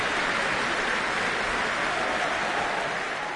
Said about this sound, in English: Kar Chung Wong in the middle of the orchestra doing this, making sure each member of the orchestra gets their due applause. A tremendous performance of the Second Symphony.